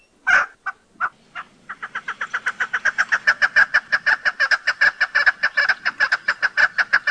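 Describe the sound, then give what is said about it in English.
A chukar partridge gives its most common call, used by both sexes: a few spaced notes that build into a rapid, steady series of loud, clucking chuk notes, clear with no talking. “Their most common call is given by both sexes, and if you use your imagination, sounds like their name.”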